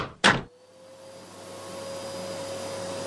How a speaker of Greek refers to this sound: Ρε μαμά, πρέπει να διαβάσω. Άσε τη σκούπα για άλλη ώρα.